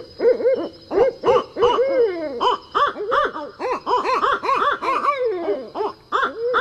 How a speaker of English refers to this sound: And if you're a night owl, well, look and listen for real owls. They're wide awake at midnight.